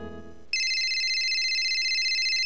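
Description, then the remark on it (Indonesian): A telephone starts ringing abruptly after a brief lower tone, its bright, steady electronic trill sounding loud, continuing without pause to the end. “tumben telepon.”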